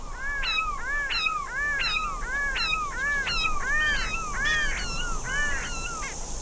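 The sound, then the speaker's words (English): A pair of grey-crowned babblers, one female and one male up in the trees, duet, trading nasal, mewing calls in quick alternation, she calling 'Yah' and he 'Hoo', about two calls a second in a steady back-and-forth rhythm, loud and clear over a low background hiss. “But up in the trees, there are two birds making the call together. One female and one male. She says, Yah, and he says, Hoo.”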